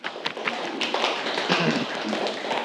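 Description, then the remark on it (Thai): A roomful of students claps steadily for a classmate who answered a question in class, dense overlapping hand claps forming a continuous patter at moderate loudness for a few seconds, with no talking. “ทำให้รู้วิธีการป้องกันการมีลูกก่อนวัยใช่ไหมปรบมือให้กับเพื่อนเลยครับ”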